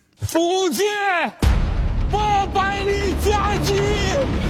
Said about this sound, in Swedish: Så här låter trailern till den kinesiska storfilmen Slaget vid Penghu, som handlar om hur Kina erövrade Taiwan för nästan 400 år sedan.